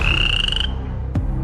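At night in the wild, a toad gives a single steady, high-pitched trilling croak that holds for about half a second and stops. A brief sharp click follows over a low, constant background rumble.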